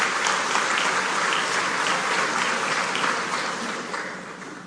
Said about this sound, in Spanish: Invitados especiales, repito, graduandos, docentes, familiares que nos acompañan. Un aplauso grande nueva vez para ustedes.